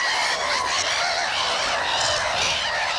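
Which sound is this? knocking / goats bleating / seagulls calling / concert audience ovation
seagulls calling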